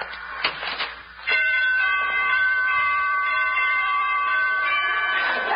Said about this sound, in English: Must have borrowed those door chimes from ….